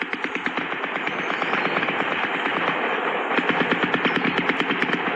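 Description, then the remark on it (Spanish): Sustained bursts of automatic gunfire during heavy clashes between National Army troops and FARC dissidents of the Frente Adán Izquierdo, reported by the local community: rapid sharp cracks in dense rhythmic volleys that keep up for several seconds with only brief pauses, loud and with no voices. “Fuertes enfrentamientos que a esta hora la comunidad está reportando. Así escuchemos.”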